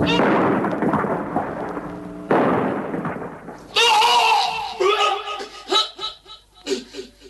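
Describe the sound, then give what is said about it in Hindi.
An enemy bomb falls on an ammunition store beside Major Sharma: two loud, rumbling blasts go off a couple of seconds apart, each roaring and slowly fading, followed by high, choppy vocal sounds like snickering. “और इस धमाके से इस योद्धा ने वीर गति पाई।”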